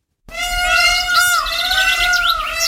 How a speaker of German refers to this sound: Pfau? Ja, das hört man sofort, oder? Mhm. Hören wir noch mal rein. Die schreien so lustig.